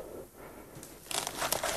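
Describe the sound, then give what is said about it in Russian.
A stiff, old, decayed parchment, a cardinal's will written in 1498 and taken from under a pillow, crinkles and crackles as it is unfolded, quiet at first and then a burst of sharp rustling in the second half. “Достань из-под подушки бумагу.”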